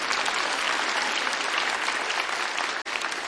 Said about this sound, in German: Okay. War das besser als vorher? Ah, dann einen Applaus nochmal für die Pauke.